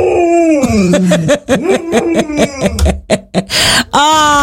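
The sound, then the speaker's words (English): A golden retriever howls to communicate with cows that live nearby, its loud, wavering voice sliding in pitch and breaking into a quick run of yelping pulses before a final drawn-out howl. “It's the dogs communicating with the cows.”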